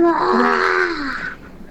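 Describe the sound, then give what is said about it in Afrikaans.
A person voices a drawn-out, wavering roar, a strained vocal growl that sustains for over a second before fading out, imitating a lion. “Ja, die leeu het vir my geroor. Hy het gegaan roar.”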